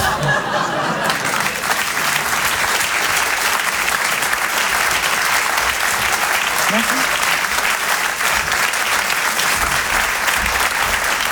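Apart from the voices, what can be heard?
audience applauding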